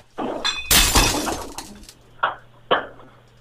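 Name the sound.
glass breaking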